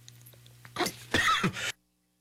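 A person coughs, two or three harsh, rough bursts in quick succession over a faint background hum, then silence. No one speaks.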